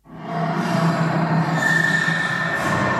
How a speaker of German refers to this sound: Und dann lege ich da noch einen Effekt drauf. Damit verändere ich den Klang noch mehr. Hier, den nehme ich. Der Effekt heißt Hall. Das Quietschen klingt jetzt so, als wäre es in einem ganz großen Raum.